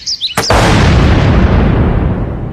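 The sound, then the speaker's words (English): A few faint, high chirping tones give way to a sudden, deafening blast of a firework torpedo struck with a garden rake under a house's back steps, followed by a loud, sustained roaring rumble that fades only slightly. “I used a garden rake to whack it, and the deafening blast was followed by ringing in my ears.”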